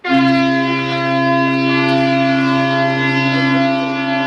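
A loud, sustained ship's horn blares steadily for several seconds, a deep harmonic-rich tone holding without a break, with no voices over it; ships' sirens sounding in Brest, France, to salute the opening of Brest Fête la Marine.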